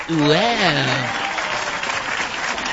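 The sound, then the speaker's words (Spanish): A burst of clapping from a group, dense and steady for a few seconds, with a voice calling out over it at the start before the applause carries on alone. “eso se merece unos aplausos.”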